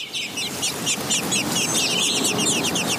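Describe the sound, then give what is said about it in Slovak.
A crowd of newly hatched chicks peep continuously, their high, thin chirps overlapping in a busy, steady chorus, with a low rustling murmur underneath and no talking. “Pí, pí, pí, pí. Či vyrikali vtáčatá.”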